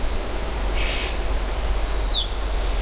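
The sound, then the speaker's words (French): A yellow-headed parrot in a temperate forest lets out one sharp, piercing whistle that slides downward in pitch, preceded by a brief raspy chirp, all over a steady low rumble of background noise. “Le chant des grillons et le sifflement perçant d'un perroquet à tête jaune.”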